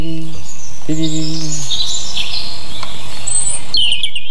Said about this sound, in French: c'est le rouge-gorge. Ah, c'était lui. Il est très métallique et il y a cette espèce de bille en suspension.